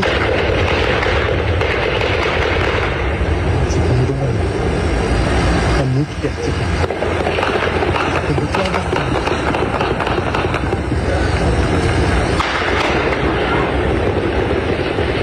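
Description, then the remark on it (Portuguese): Heavy, sustained gunfire from an intense overnight shootout, recorded by local residents, crackles through a dense, loud wash of noise, with sharp bursts punctuating the steady roar and indistinct voices mixed underneath. “O intenso tiroteio se prolongou durante a madrugada e foi registrado por moradores da região.”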